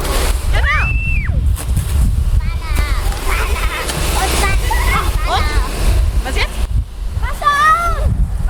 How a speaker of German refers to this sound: Wassermarsch! Genau, zweites Vorwassermarsch, ne? Und jetzt aufdrehen. Weiter. Genau. Wassermarsch!